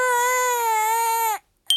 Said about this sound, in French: Peut-être que le bébé doudou pleure parce qu'il a faim.